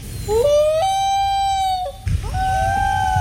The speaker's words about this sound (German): Das war der Eistaucher. Toller Vogel, was für ein Sound.